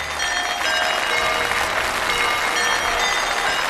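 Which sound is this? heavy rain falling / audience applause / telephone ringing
audience applause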